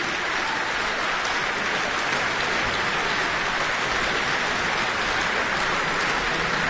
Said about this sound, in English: And here they come. Another bout. All those fans whistling and shouting.